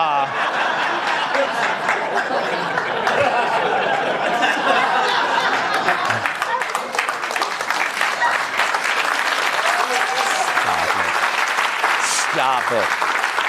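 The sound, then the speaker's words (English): Sustained audience applause for over ten seconds, dense and steady, with scattered laughter and a few voices mixed into the clapping. “Stop it. Don't even applaud.”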